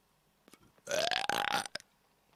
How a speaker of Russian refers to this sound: Там кто-то рыгал ко мне.